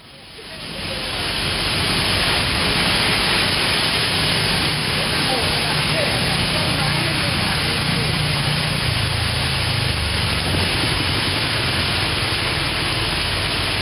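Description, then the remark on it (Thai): A steady, loud downpour of heavy rain with very strong wind at Lat Phrao 101 roars throughout, with gusts rumbling and buffeting low beneath the dense hiss of the rain. “เนี่ยคือฝนตกแล้วก็ลมแรงมากนะคะจะเห็นกิ่งไม้เนี่ยหักลงมาเต็มเลย หักลงมาต่อหน้าเลยเนี่ย เนี่ยค่ะ”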